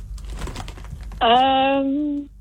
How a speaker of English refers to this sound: What flavor of chips is this? I can crunch one of the chips if that would help.